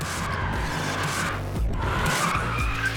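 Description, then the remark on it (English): Car tires skid and squeal continuously as a car drifts in motorsport drifting, a harsh, loud screech layered over a roaring engine, with a brief dip in the noise midway before the squeal resumes. “Drifting is just driving a car broken traction with the most extreme angle, as much smoke as possible, as close to the walls as you can or the other driver.”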